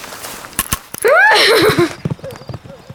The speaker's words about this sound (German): Da ist ein Pferd. Das kann nicht sein. Doch, was soll denn das sonst sein? Da ist wirklich ein Pferd.